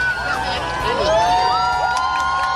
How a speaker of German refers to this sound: Es waren die Sekunden davor, die die Playa de Palma zu einem ganz besonderen Ort gemacht haben. Und zwar extrem ruhig, keine Musik, nur das Meeresrauschen im Hintergrund. Und auf einmal war der Jubel grenzenlos.